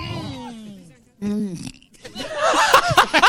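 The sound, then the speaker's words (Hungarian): A long, drawn-out belch followed by a second shorter one, then people burst into noisy laughter. “Egészségedre.”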